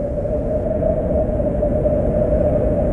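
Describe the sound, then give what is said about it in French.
A strong wind roars steadily, growing stronger as a storm gathers, a dense low rumbling rush that stays loud and unbroken throughout, with no gusty pauses and no voices. “Le vent commence à souffler de plus en plus fort, et il semblerait qu'une tempête se prépare.”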